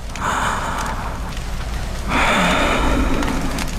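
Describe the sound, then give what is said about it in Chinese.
Heavy, raspy breathing of a feverish, half-conscious old man: one long drawn breath followed by a louder, rougher one, with no talking. “时间一分一秒过去，老人沉重的呼吸声渐渐变得平稳，额头那烫手的温度也开始一点点消退。”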